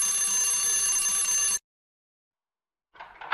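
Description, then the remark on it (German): A loud, continuous metallic bell rings steadily for about a second and a half, then cuts off into silence before a brief burst of rustling noise. “klingeln. Das lief dann so.”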